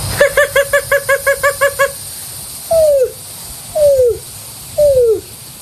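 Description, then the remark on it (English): A voice imitates a greater roadrunner: a rapid stuttering run of about ten short, buzzy notes, followed by three separate, drawn-out coos that slide downward in pitch. “And I'm going to do a greater roadrunner for the last one.”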